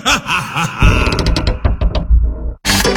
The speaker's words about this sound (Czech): s tou vrzající podlahou a dveřmi tě slyší i sousedi.